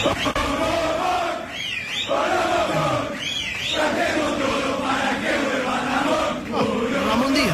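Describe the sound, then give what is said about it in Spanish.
A large stadium crowd roars and chants in unison against the club's directors, a sustained, loud mass of shouting voices with rising and falling waves and a few piercing whistles cutting through. “¿Esto será un grito de desahogo, de manotazo de ahogado, Edu?”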